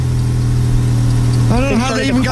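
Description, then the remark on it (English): A car engine idles with a steady low hum, and partway through a person starts talking over the running motor. “Oh my God, they started it.”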